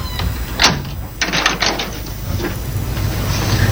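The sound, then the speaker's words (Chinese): A door shuts with a firm thud, followed by a few quick latch-like clicks and rattles, then a steady low background hum with no talking. “你关门干什么呀？”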